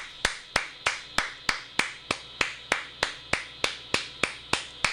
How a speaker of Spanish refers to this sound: Aplauso para Madeline.